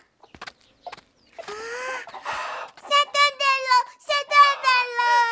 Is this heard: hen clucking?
yes